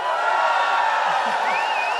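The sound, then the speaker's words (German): A large crowd on the Hauptplatz in Burkersdorf roars continuously at the Radio Niederösterreich Live-Sommer event, a dense wash of cheering voices with scattered shrill screams and whoops rising above it, steady and loud throughout. “Jetzt könnt ihr schreien, was immer schon mal schreien wolltet.”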